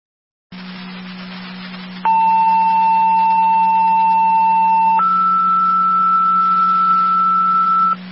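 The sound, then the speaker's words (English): Fire Control dispatch alert tones, the second set of tones for Southland 4 requesting an EMT for an EMS call: a steady tone holds for about three seconds, then jumps to a higher steady tone for three more, over a low constant radio hum. No talking. “Fire Control, Southland 4, second set of tones, EMT requested for your EMS call.”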